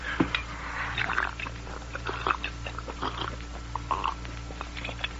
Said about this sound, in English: Let me swallow that water, Sagebrush. Here, Dirk. As soon as I wet my whistle myself.